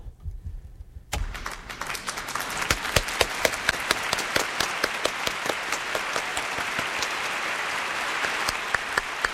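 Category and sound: crowd, applause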